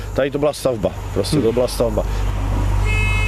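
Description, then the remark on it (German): A man talks over a steady low engine rumble, then the captain sounds a sustained, steady steamboat horn blast signalling departure just as the talking stops, cut off at the end. “Der Kapitän gibt das Signal für den Aufbruch.”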